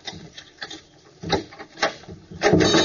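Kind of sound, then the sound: household object, door being opened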